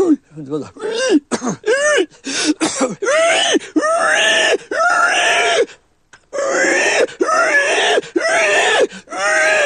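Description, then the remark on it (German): Charlie Dörfel's voice imitates a dying pig (a dying sow) with a string of loud, strained squeals and groaning shrieks, rising and falling in pitch, broken by short gasps and one brief pause. “Das sterbende Schwein, das ist ja mein Paradetier gewesen, ne?”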